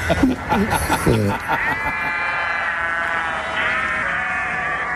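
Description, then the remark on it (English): Several sheep bleat in wavering, drawn-out cries, one after another, loud, with a short burst of lower voices at the start. “I'm glad we got some sheep around somewhere.”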